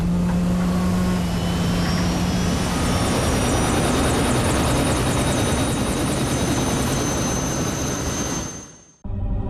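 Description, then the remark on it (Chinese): A helicopter roars, its engine whine and thudding rotor steady and loud for several seconds before the sound quickly drops away at the end. It is taking off from the Deep Sea One energy platform, evacuating everyone to shore ahead of a typhoon. No one speaks. “秦总啊，请大家上直升机离开平台，到岸上去。”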